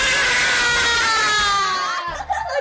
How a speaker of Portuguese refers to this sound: Para fecharmos o nosso cantinho com chave de ouro, quem é que quer gritar bem alto uma viva para todos os professores de Moçambique? Viva!